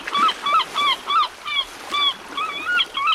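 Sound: seagulls calling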